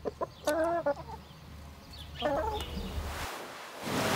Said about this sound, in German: Die Newcastle-Krankheit bedroht das Federvieh, deshalb muss geimpft werden. Den Impfstoff, den gibt's rund um Friedland praktischerweise an der dörflichen Bushaltestelle. Hühnerimpfen geht übrigens ganz einfach, wie Sie sehen.